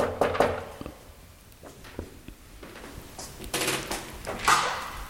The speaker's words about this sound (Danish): Og jeg prøver lige at se, om jeg kan finde døren her, hvor jeg skal mødes. Ja, den er her. Jeg banker på.